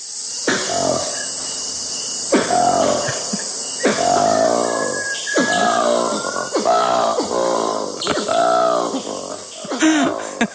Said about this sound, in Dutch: Ja, we hebben ook het geluid van de goede ouderwetse zwarte aap die 1200 kilometer verderop een heel ander geluid maakt.